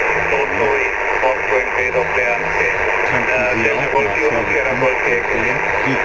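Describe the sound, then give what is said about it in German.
A steady wash of crackling interference on a shortwave radio aboard a ship, caused by the many switching power supplies running the equipment, with a muffled voice coming through the static, continuous and fairly loud for the whole stretch. “Wir haben ziemlich viel Störungen hier auf dem Schiff durch diese vielen Schaltnetzteile, die im Betrieb sind für die ganzen Geräte. Ja. Und die verursachen dieses Prasseln hier.”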